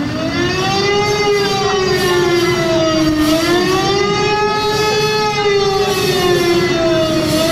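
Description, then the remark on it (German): A loud alarm siren blares steadily from a large bus bearing the lettering Adenauer, standing in the middle of a square, at exactly 6 pm, its rich, buzzing tone slowly wavering up and down in pitch without a break, with no voices over it. “Mitten auf dem Platz steht mittlerweile ein großer Bus mit dem Schriftzug Adenauer und der macht dann Punkt 18 Uhr auch richtig Alarm.”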